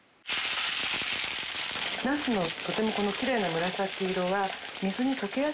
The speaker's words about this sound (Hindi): इसके बाद एक पैन में 2 बड़े चम्मच तेल डालिए और पूरी सतह पर फैला लीजिए। फिर बैंगनों को कागज से सुखाकर छिलका नीचे की तरफ करके पैन में रखिए और मध्यम आंच पर हल्के से तल लीजिए।